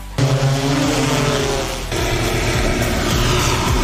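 A reconnaissance drone with thermal imaging equipment flying a search over mountain terrain, covering 3 square kilometres in 10 minutes: a steady, loud engine drone with strong low harmonic tones and a buzzing propeller-like whine, holding constant throughout with a slight shift midway, no voices present.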